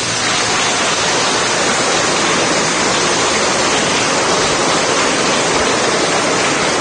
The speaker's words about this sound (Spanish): Ay, mire qué bonito. Démosles un aplauso.